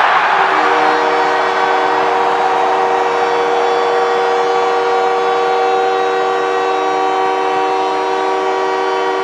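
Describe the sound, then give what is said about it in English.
A loud hockey crowd roars nonstop after a goal by Canadiens captain Nick Suzuki while a blaring goal horn holds a steady, droning tone underneath, the cheering swelling at the start and staying intense throughout. “Well, the captain of the Canadians, Nick Suzuki, gets the crowd into hysterics as he gets the Canadians”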